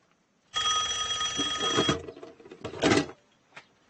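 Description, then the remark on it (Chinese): An old-style telephone bell rings in a fast metallic trill lasting over a second, then a second shorter burst follows after a brief pause, loud with no one speaking. “大司令也给你打电话了？”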